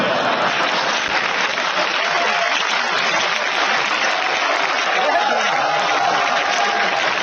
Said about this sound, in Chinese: 各位您就别鼓掌了，你这不是拿我开心吗？